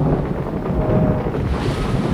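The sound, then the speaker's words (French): Steady, loud wind roars across open water during a storm at sea, buffeting the microphone, with low rumbling waves and a boat with a broken mast drifting and rocking with the wind; no voices. “Notre mât se brise et le bateau se met à dériver au gré du vent.”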